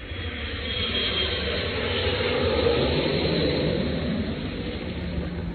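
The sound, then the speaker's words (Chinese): A loud, continuous jet engine roar of an airplane taking off, swelling slightly toward the middle as it passes overhead, with no one talking. “我觉得是高铁， 不是高铁，是飞机 啊， 起飞那个”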